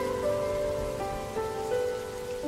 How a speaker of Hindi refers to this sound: आसमान से बरसती ये पानी की बूंदें बादलों का वृत्तांत सुनाती हैं। पानी के बुलबुले सपनों के गीत गुनगुनाते हैं।